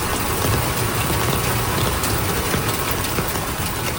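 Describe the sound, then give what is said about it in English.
Loud rushing floodwater from a swollen river in Bangladesh, fed by monsoon rains and topping its banks, roars steadily and continuously, a dense churning hiss with deep low rumble, unbroken throughout with no voices. “dozens of people have been killed in flash flooding and landslides due to monsoon rains. Swollen rivers have topped their banks, flooding large areas.”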